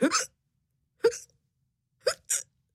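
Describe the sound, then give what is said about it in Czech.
A cat lying under a table in a laboratory hiccups four times in quick, sharp bursts, irregularly spaced, with the last two coming close together. Each hiccup is short and fairly loud, with silence in between. “Podíval se pod stůl, kde ležela jeho kočka a škytala.”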